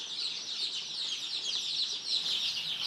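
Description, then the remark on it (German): A dense, continuous chorus of high-pitched peeping from many young chicks, due to lay eggs as grown hens in mobile coops in six months, overlapping chirps filling the whole stretch at a steady, moderate level with no voices. “So ein Küken habe ich auch noch nicht gesehen.”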